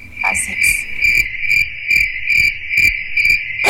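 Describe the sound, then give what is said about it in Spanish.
A cricket chirps steadily, a bright continuous trill pulsing in a regular rhythm about twice per second, with no voices present, used as the sound of the RCN radio program El Grillo. “No se vayan, esto es El Grillo.”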